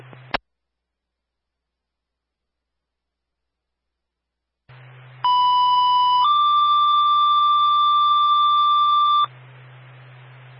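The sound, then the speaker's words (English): Fire dispatch alert tones over a radio channel for Springfield unit A3, sent to a medical emergency at 82 Springfield Plaza Road: a brief click, silence, then static hiss and two loud steady tones in sequence, a short one followed by a longer, slightly higher one. “The ringtone for Springfield A3 is off, 82 Springfield Plaza Road, on a medical emergency, still needing 2 for station coverage.”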